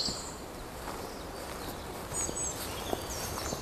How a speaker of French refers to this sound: chant des oiseaux.